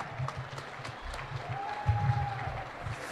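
An audience applauds with dense, steady clapping throughout, and a single sustained high whistle rises over the crowd partway through. No one speaks.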